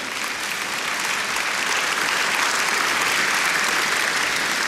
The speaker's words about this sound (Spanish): Oh, hermano, alguien dele aplauso al Señor por eso, hermano.